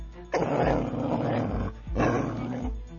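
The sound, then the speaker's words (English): In a National Insurance Crime Bureau public service message about car theft, a dog snarls and barks aggressively in two loud, rough bursts separated by a brief pause, with a low rumbling growl throughout and no voices. “Good dog.”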